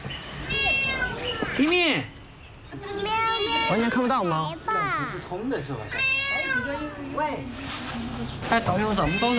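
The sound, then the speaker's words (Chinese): A kitten that has been trapped for about two days meows over and over in high, thin, rising-and-falling cries, loud and nearly continuous, with brief pauses between the repeated calls. “我看到了， 是只小猫，是只小猫。”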